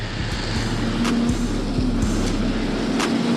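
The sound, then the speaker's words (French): A turbo motorcycle in fifth gear at 70 km/h, throttle opened, gives a steady, loud engine drone with a low hum and faint harmonic tone that holds level throughout, mixed with road and wind noise and a few soft knocks as it pulls smoothly. “Par exemple là je me mets en 5ème, je suis à 70 km/h, voilà tranquille, j'ouvre et part mais comme un pullman quoi.”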